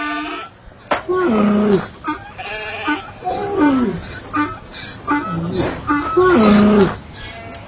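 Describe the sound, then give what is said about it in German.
A flock of goats and sheep bleating, several wavering calls following one another in a loose, overlapping sequence, fairly loud against a soft background. “7000 Stück Kleinvieh besaß er, 3000 Kamele, 500 Rindergespanne und 500 Eselinnen.”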